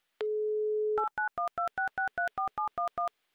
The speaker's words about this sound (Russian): Набран номер телефона в Екатеринбург. Звоним от Москвы, плюс 2 часа 18:18.